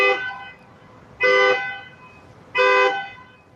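A self-driving Waymo car in London honks its horn three times in short, evenly spaced blasts, each loud with a brief fade, separated by quiet pauses. No one speaks.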